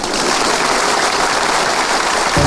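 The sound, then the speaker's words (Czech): Steady audience applause fills the whole stretch, a dense crackle of many hands clapping at once, loud and continuous with no voices. “Je to fajn, teď už budou tleskat všemu.”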